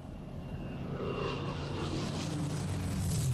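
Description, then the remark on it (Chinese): A British Spitfire fighter plane flies over a boat's deck, its Rolls-Royce Merlin propeller engine a deep, throbbing drone with a broad roar that builds steadily louder over a few seconds. No one speaks. “甲板上，一艘英国战斗机飞过。”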